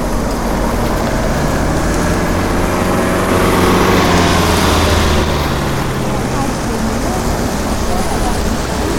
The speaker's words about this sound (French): Ah oui, alors, ouais, ouais, là, les voitures. Les voitures passent des deux côtés.